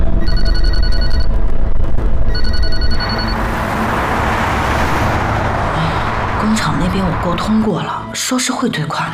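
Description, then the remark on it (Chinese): A telephone rings twice in bright, buzzy electronic bursts, loud and regular, then stops as a steady car engine rumble takes over with faint voices underneath. “接电话，接电话。”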